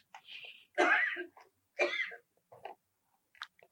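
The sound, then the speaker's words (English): Two sharp sneezes about a second apart, each a sudden loud burst with a breathy onset, followed by a few softer snuffling breaths. “God bless you.”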